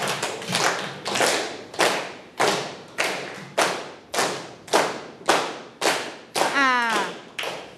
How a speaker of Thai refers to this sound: ไม่เป็นจังหวะแล้วปรบมืออย่างไรให้เป็นจังหวะคะไหนลองปรบมือสิคะ